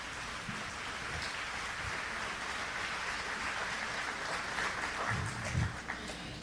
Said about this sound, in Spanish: Amén. Un aplauso al Señor, que es un Señor de orden.